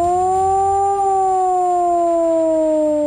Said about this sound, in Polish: Dźwięk dla ochrony ludności to 3-minutowy, modulowany, czyli falujący sygnał syreny.